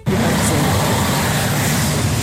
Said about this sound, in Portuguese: Trânsito, hein, Claudio Nô?